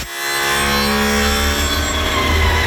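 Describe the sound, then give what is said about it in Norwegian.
A brand-new sanding machine, being tested out by a team, runs steadily for the whole stretch, a loud, even grinding whine with a high, tonal ring layered over a low rumble. No one speaks. “Og for å hjelpe litt til, så har vi funnet frem et klipp fra det her laget som tester ut sin helt nye slipemaskin.”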